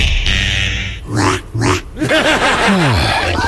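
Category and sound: animal, piglets oinking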